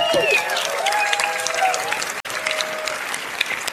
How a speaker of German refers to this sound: Da gibt's einen Applaus einfach schon mal.